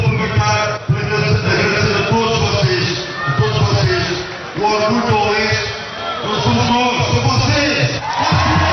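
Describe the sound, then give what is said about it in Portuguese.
A large crowd of football fans shouts and chants together, celebrating their team's return to the Primeira Liga, as the players ask them to sing along; loud, with overlapping voices and whoops forming a continuous roar throughout. “Por entre gritos e cantigas que os jogadores pediam coro aos adeptos, o treinador Luís Tralhão agradeceu o apoio dos últimos dias.”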